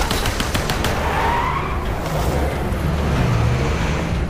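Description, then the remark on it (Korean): A truck roars around a corner at speed, chased by a jeep and an armored car carrying North Korean soldiers, with a steady, loud engine rumble and a brief tire screech, while sharp clattering bursts sound near the start as soldiers fire from building rooftops. “인민군들이 탄 지프와 장갑차가 뒤를 쫓고 있다. 트럭이 코너를 돌아 달려가는데 무전 연락을 받은 인민군들이 건물 옥상에서 사격을 해댔다.”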